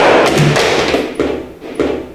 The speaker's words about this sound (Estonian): Kui see telefon on täiesti katki, see on maha kukkunud ju.